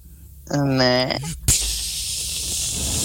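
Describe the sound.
A brief voiced sound is followed by a sharp click and a steady, bright hiss of insecticide sprayed at mosquitoes from a Baygon aerosol can, continuing evenly for about a second and a half.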